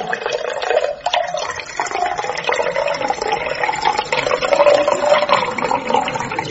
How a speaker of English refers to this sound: I can only have just the one. I'm only pouring you one. Here goes.